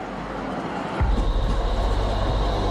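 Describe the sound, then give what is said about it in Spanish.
A number 3 tram in Bosnia-Herzegovina rumbles along its rails, a sudden heavier surge giving way to steady rhythmic clatter of wheels over track joints, loud and continuous with no voices. “El tranvía número 3 no funcionaba por razones obvias durante la guerra.”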